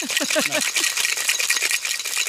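A cocktail shaker holding ice and freshly squeezed lemon juice is shaken hard, a steady rattling clatter of ice against metal that continues for a couple of seconds, bright and loud throughout.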